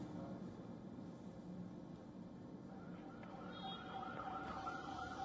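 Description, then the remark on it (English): An ambulance siren wails through a dense wash of street and crowd noise as ambulances carry injured protesters during clashes in Rawalakot, Pakistan-administered Kashmir, growing clearer and more prominent in the second half as its wavering tone rises above the din. “Ambulances were seen carrying injured protesters.”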